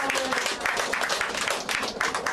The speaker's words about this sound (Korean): 한번 기운차게 예, 박수 한번 보내주세요. 고맙습니다.